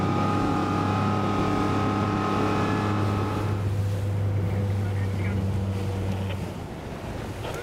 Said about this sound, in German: Sie müssen das Boot zwischen den anderen jetzt schnell finden. Bei so vielen Schiffen auf dem Wasser gar nicht so einfach.